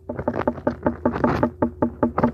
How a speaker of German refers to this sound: Und er hat uns mal erzählt, woran man eigentlich eine richtig gute Wassermelone erkennt, nämlich am Klang. Also so hört sich jetzt eine reife Melone an. Und so hört sich jetzt eine unreife Melone